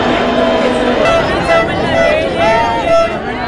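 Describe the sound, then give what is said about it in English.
A large crowd in Spain cheers the removal of La Bea, the border fence separating the British territory of Gibraltar from Spain, in a dense, continuous roar of overlapping voices that stays loud throughout, with a few higher calls rising above the mass of noise. “Well, let's head to Spain now, where crowds cheered the removal of La Bea, the border fence separating the British territory of Gibraltar from Spain.”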